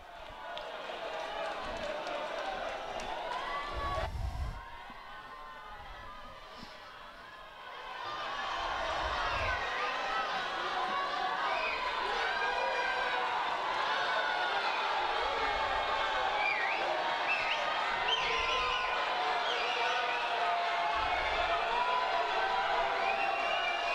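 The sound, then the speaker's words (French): A dense crowd in Rimini roars and chatters continuously as the Pope passes among them on a hot, sunny day of over thirty degrees, many voices blending with scattered cheers and calls, briefly dipping quieter for a few seconds before swelling back to a steady, loud din. “Au milieu de la foule.”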